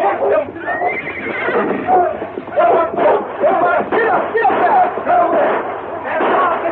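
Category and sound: animal, horses neighing and whinnying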